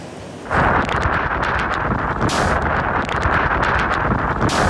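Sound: strong typhoon wind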